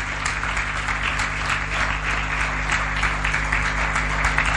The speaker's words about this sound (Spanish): ¿Cuántos le dan un aplauso al Señor? Un aplauso a la palabra del Señor.